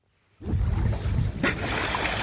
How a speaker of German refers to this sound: Aufnahmen von einem Segelboot vor der dänischen Küste. Was hier zu hören ist, sind Schweinswale. Sie springen aus dem Wasser, erinnern an Delfine Und genau wie Delfine gehören sie zu den Zahnwalen.